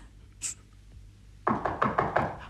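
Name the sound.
knocking on a door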